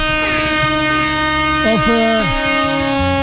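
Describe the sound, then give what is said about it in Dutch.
Loud, blaring air horn tones hold steady, then bend and slide in pitch midway before settling into short, stepped blasts. The sound is continuous, with no clear speech. “Vandaag geen getoeter.”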